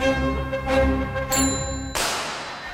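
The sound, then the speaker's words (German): A bicycle bell rings out in a few quick, bright dings, each strike leaving a metallic shimmer, with a final louder ring that fades away. No one speaks. “1877, damit 60 Jahre nach der Laufmaschine, wurde die Fahrradklingel von John Richard Dedicott im Vereinigten Königreich erfunden.”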